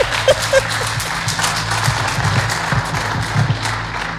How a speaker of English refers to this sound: And applaud very loudly, please.